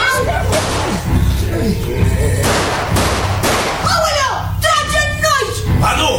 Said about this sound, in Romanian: Nu trage el. A tras vânătorul că l-a confundat cu o capră neagră și a pierdut echilibrul.